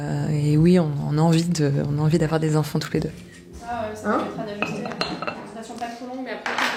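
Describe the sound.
Dishes and cutlery clink and clatter in the small staff kitchen of a doctor's practice at lunchtime while several voices chat over them, with a few sharper knocks of crockery near the end.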